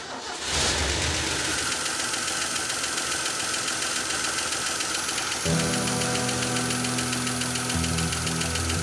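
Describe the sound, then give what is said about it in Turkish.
A car engine cranks and catches after a brief pause, then settles into a loud idle with a steady, rapid ticking like a small sewing machine running through it and a deeper, humming tone after a few seconds. “Kübütörler su pap kapağına değiyor mu bilmiyorum ama motor bu kadar gürültülü değildi.”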